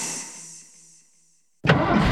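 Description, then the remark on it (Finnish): After a fading hum and a moment of silence, a car engine abruptly starts with a loud burst, then holds a steady, full rumble, as the car is started before reversing. No one speaks. “Hei, viititkö mennä kattoon, kun mä peruutan?”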